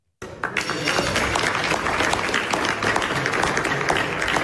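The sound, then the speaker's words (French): People around a candlelit dinner table break into applause at the moment Donald Trump signs a memorandum of understanding to end the war in the Middle East, a dense patter of many hands clapping at a steady, moderate level for several seconds with no voices standing out. “Autour de la table et du dîner aux chandelles, tout le monde applaudit au moment de la signature.”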